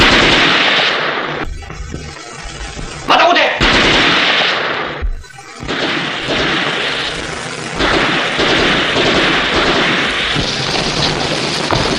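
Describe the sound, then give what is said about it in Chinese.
Heavy, continuous gunfire crackles and booms throughout, with dense overlapping shots and occasional louder bursts, while a man's voice calls out briefly over the din. “不出来，我就开枪了。”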